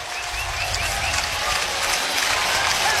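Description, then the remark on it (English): A big baseball stadium crowd cheers and roars after umpire Billy Van Rapphorst confirms the replay verdict on a play by Jet Buck, in a dense, sustained wash of noise that holds steady and loud for the full three seconds, with no clear voices rising above it. “Well, if you couldn't hear Billy Van Rapphorst confirm what they saw, just go by the crowd's reaction.”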